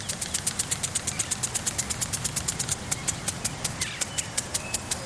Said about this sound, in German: Wir gehen den Ohren nach und entdecken, was zurzeit einfach nicht fehlen darf. Ein Wassersprenger.